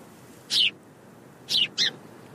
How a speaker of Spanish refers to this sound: Ahí hay un pájaro. Es un pardal. Si creciste por aquí, seguramente hayas visto muchos.